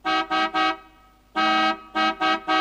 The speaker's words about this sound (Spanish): Lo único que sé es tocar la bocina. Escuchá. ¿Eh? Se quedó trabada.